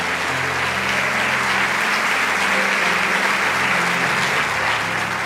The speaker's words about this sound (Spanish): Vamos, dale ese aplauso al Rey de Reyes. Dios hizo esa obra grande.